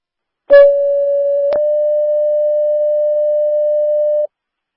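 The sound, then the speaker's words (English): A single steady electronic dispatch alarm tone, following the dispatch of all law and station units, holds one mid-pitched note for nearly four seconds, opening with a brief harmonic burst and a click partway through, then cutting off abruptly. No voices. “Stand by for alarm and radios.”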